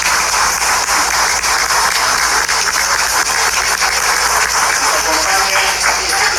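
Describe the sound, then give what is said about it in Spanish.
Sustained audience applause at a school event as an education official is introduced, a dense, steady wash of many hands clapping at an even loudness for several seconds, with a faint low hum underneath and no clear voices. “Fuerte los aplausos para ella.”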